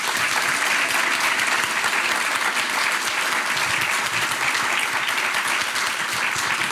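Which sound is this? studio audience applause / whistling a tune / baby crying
studio audience applause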